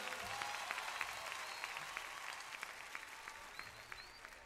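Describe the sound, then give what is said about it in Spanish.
A crowd applauds steadily for several seconds, a dense, hissy wash of many hands clapping with sharper individual claps popping out. No one speaks. “fuertes aplausos para el que se lo merece.”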